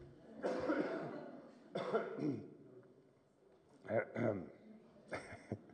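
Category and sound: human body sound, loud coughing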